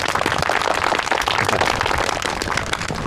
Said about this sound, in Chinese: 鼓掌。